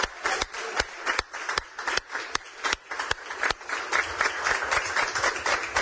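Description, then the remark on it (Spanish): Audience applause for the launch of Paraguay's Guaranizat 2 satellite fills the whole clip, a dense, steady crackle of many hands clapping with a few sharp, louder claps standing out near the start, and no one speaking over it. “Esto merece un aplauso una vez más, por favor.”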